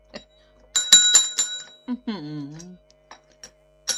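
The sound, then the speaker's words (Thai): A small bell jingles in four or five quick, bright strikes, fairly loud, followed by a short burst of a person's voice and a few faint clicks. “โอ้โหกระดิ่งก็แย่เลย”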